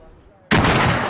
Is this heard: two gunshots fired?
yes